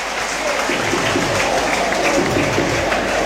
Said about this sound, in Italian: Ilie, il destro di Ilie a girare, palla che lambisce il palo alla sinistra di Seghetti, applausi per lui.